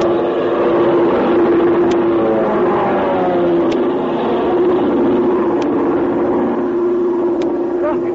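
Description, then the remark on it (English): A steady propeller-plane drone from a Chinese army plane hums loudly and continuously, its low engine tone wavering slightly as it passes, with faint regular ticks sounding about every two seconds. “You can't make out what kind of a plane it's it is. It's an army plane.”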